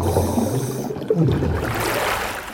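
Muffled, rumbling underwater gurgles for about a second while a woman is under the water, then a sudden splash as she surfaces gives way to brighter, open sloshing and dripping water, with no voices.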